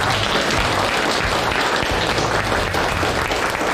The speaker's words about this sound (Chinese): 来，掌声欢迎二位，欢迎。